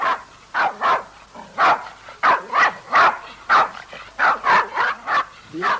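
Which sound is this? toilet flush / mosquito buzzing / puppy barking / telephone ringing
puppy barking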